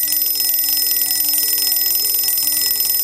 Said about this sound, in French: Il est à peine 6h30 quand les réveils de Bernd se mettent à sonner.